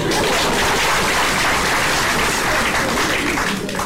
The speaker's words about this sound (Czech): Žádám potlesk pro naše občany.